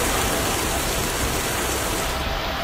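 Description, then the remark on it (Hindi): Heavy rain pours down in Karnal, soaking the paddy crop, in a steady, dense hiss that fills the whole clip, loud, with no voices or pauses. “करनाल में तेज बारिश से धान की फसल भीग गई, इससे किसानों को नुकसान की आशंका है।”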